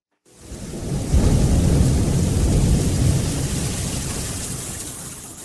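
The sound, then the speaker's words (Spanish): A deep, sustained thunderstorm rumble rolls in loud, with a steady hiss of rain-like noise spread over it, swelling after a second and slowly easing off without any voices. “Cuidado, cuidado. Tápate que va a llover.”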